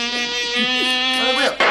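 A steady mosquito-like buzz drones continuously for under two seconds, its pitch wavering slightly before cutting off near the end, with no other sounds around it.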